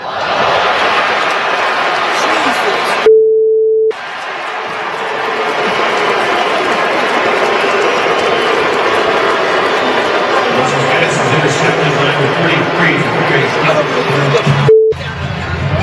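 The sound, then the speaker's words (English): A huge stadium crowd at the Browns' home preseason football game boos Deshaun Watson after he throws an interception, a loud, sustained roar captured from the stands on a cell phone camera, with two brief electronic beep tones cutting in near the start and end. “If you missed it, he got booed today after throwing a pick in the Browns' home preseason game.”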